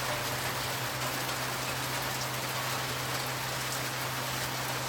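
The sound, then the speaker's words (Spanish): Heavy rain pours down steadily onto hard surfaces, a dense unbroken hiss and patter with a faint low electrical hum running beneath it. No voices are heard. “Es un video de la lluvia.”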